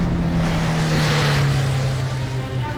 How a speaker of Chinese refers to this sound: 他看见顾青跑出医院后门，爬上一辆早在等候的汽车，汽车迅速开走。